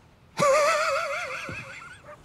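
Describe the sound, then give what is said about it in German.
A horse whinnies once, a loud, shrill neigh that starts abruptly, quavers in wavering pitch for nearly two seconds, then trails off with a short snort at the end. “Lasst eure Pferde hier!”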